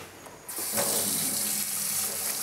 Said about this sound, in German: Okay, ans Wasser. Gut, ja. Waschen wir sie. Spülen wir sie eben ein bisschen ab.